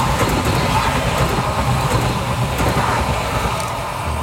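A train running on schedule rolls past on the rails with a steady, loud, continuous rumble and faint rhythmic clatter, unbroken for the whole stretch, with no voices over it.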